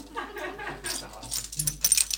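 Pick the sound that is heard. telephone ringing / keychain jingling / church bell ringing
keychain jingling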